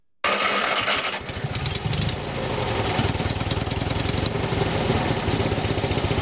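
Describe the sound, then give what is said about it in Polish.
A small old red Maluch car engine cranks for a couple of seconds, then catches and settles into a loud, rough, rapidly pulsing idle that chugs on steadily with no voices. “Ruszy czy nie? Odpalił to najważniejsze, ale czy pojedzie?”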